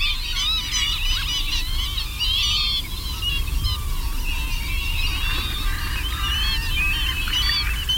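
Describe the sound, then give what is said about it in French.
A large flock of northern lapwings, wading birds, calls continuously, many overlapping wheezy, slurred cries over a steady low rumble of wind or background noise. “Parmi les autres limicoles, on a vu le vanneau, il y en avait beaucoup. Coup de vanneau.”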